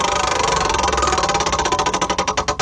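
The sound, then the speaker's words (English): A prize wheel, the Chili Adventure Wheel, spins with a rapid, loud clatter of ticks that gradually slow into distinct, evenly spaced clicks as it winds down, landing on a zip line tour general pass. “Let's give this one a spin.”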